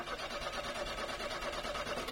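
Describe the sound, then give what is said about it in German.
A car engine cranks over and over in a steady, rapid rhythm without catching and the car fails to start, loud for about two seconds, with no voices. “lief doch gerade noch alles super und dann springt der Wagen nicht mehr an.”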